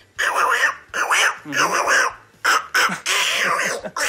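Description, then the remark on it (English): A voice imitates the cartoon duckling Little Quacker with a run of nasal, squawky, quack-like bursts and short pauses between them, fairly loud for about four seconds. “That's Little Quacker.”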